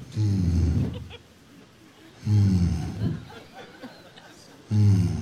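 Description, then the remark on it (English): A voice mimics a sputtering airplane engine, imitating the engine of a passenger plane flying at about 36,000 feet at night: three low, buzzing vocal bursts, each roughly a second long, separated by rougher, breathy rattling sounds. “And all of a sudden, I heard the engine start going.”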